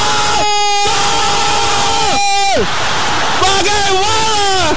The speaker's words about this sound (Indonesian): Gol di ujung pertandingan membuat sorak-sorai pendukung Brazil.